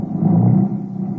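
car engine driving off

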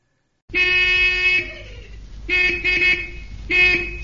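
car horns honking

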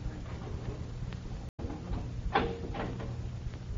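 door being opened

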